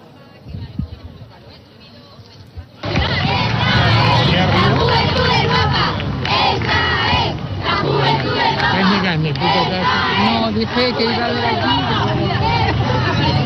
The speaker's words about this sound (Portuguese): Os gritos dos mais jovens, o Papa devia ter chegado aqui por volta das 10 horas e meia, hora portuguesa, mas chegou cerca de 15 minutos depois. Sentiu-se muito entusiasmo, principalmente destas pessoas mais novas.